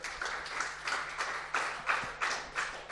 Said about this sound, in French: On applaudit les jeunes filles, évidemment.